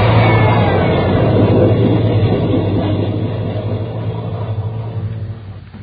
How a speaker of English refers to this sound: Ben, there's a train coming through.